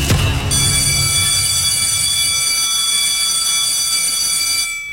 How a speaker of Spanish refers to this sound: ¡Ya dieron el timbre! ¡Y aquí comienza!